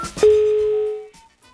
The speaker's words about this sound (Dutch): Wow. Ik hoor helemaal niks. Ik hoor een telefoon die overgaat.